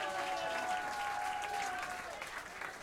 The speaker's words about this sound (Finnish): Taputtakaa hänelle, hän kumartaa.